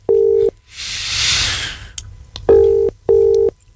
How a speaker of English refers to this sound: Come on, come on, please answer your phone. Two more. One more. And they're gone. I've hung up and I'm going to have to try somebody else.